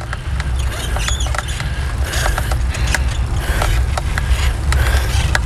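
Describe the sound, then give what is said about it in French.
A bicycle creaks and squeaks as it is ridden, with irregular sharp clicks and thin high squeals over a steady low rumbling drone, no voices. “Ouais, ça grince un peu, ça commence à mal.”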